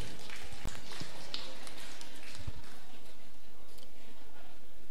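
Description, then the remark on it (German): An audience claps together in a dense, steady patter of many hands, a soft crackling wash with a few sharper slaps standing out, fairly quiet overall and without voices on top. “Ja, und das ist ein Applaus wert, meine Damen und Herren.”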